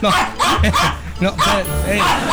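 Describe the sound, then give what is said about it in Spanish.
A person imitates an angry chihuahua, letting out about four sharp, yappy barks in quick bursts, loud, with no other talking. “Oye, para todo te enojas, perrita chihuahueña. Nada más quieres estar peleando.”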